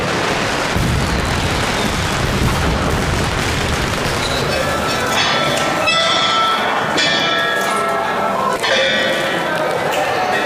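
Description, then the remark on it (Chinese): A long, dense barrage of firecrackers crackles and pops nonstop, loud, with sharper bangs now and then over a noisy crowd, set off by villagers along the streets during a dragon dance procession welcoming spring. “每逢鞭炮声响起，游龙便要停下来为父老乡亲献上表演，将气氛推向高潮。”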